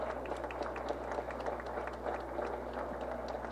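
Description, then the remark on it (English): A crowd at a walk event applauds its volunteers steadily, many hands clapping at once in a dense, continuous patter that holds an even loudness throughout, with a low steady hum underneath. “Can we have a big round of applause for our volunteers who dedicated their time today to support everyone attending?”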